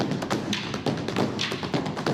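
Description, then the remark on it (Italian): Live Stomp stage performers play a steady run of sharp stomps and slaps, struck in a quick, driving rhythm with crisp high clicks over low thuds, without any voices. “La cosa che mi piace degli stomp è che possiamo esibirci in qualsiasi parte del mondo perché usiamo il ritmo come linguaggio per comunicare.”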